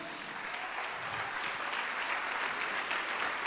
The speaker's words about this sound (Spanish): ¿Puede aplaudir al Señor?